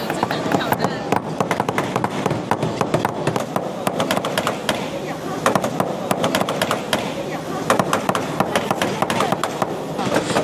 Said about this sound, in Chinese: 那我们要敲的呢，就是我们这个试赛的吉祥物能能巧巧。那接下来呢，我就要用这个加热的铜片放在这个模具上，然后用锤子沿着它的轮廓进行敲击。